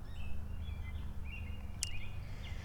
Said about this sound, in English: So the birds are singing. I can hear some mourning doves cooing.